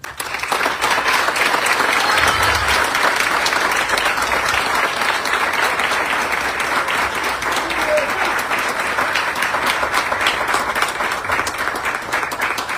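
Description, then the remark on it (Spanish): Sustained applause from authorities and citizens in Parral, in recognition of the women and men who risk their lives daily for the city. A dense, steady wash of many hands clapping at even loudness for over twelve seconds, full with no voices standing out. “Pido a las autoridades presentes y a la ciudadanía un aplauso de reconocimiento para las mujeres y hombres que diariamente arriesgan su vida por Parral.”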